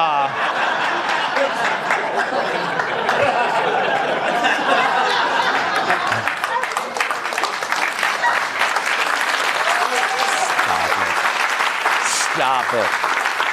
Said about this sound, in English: Stop it. Don't even applaud.